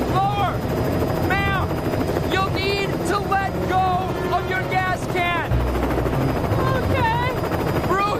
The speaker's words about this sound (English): Getting forced under by the wind from your rotors.